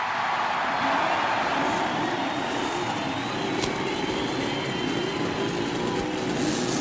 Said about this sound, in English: As a cheer goes up and you can hear the cackle of the Cosworth racing engine. Several Buicks sound out their roar, and that Chevrolet, that brand new Chevrolet racing engine, roars